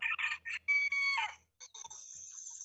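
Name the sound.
rooster crowing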